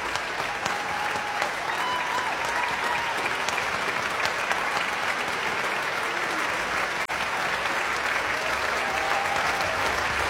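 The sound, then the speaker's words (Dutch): Sustained applause from a large concert audience, the hall presenter clapping too, at the end of a concerto, dense and steady for the whole stretch, a continuous rush of many hands clapping at even loudness with a faint murmur of crowd beneath. “We horen hem klappen.”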